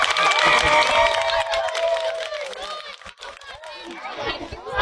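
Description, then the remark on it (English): An audience claps and cheers for several seconds, loud and steady at first, with excited voices and chatter mixed into the applause as it gradually thins out, applauding a conjoined salmon being released into a lake. “Let's give that fish a round of applause.”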